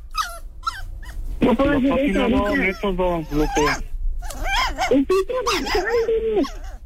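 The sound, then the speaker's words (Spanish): A small pet dog named Peluchina whimpers and whines in drawn-out, wavering high cries that rise and fall, fairly loud, with voices talking around it. “Créeme, que le den un buen, que mi perrito que esté así, pero no.”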